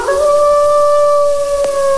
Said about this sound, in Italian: Fra l'altro, il nostro lupo ci dà anche un bel ululato da cacciatore.